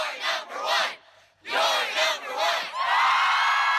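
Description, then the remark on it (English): A crowd of young voices chants and cheers in loud, rhythmic bursts, with a brief pause before the shouting swells again into a sustained roar. “Listen up, high school sports fans. This cheers for you.”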